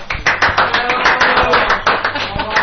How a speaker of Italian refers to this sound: Applauso finto. Comunque. Che finto? Applauso, tutti.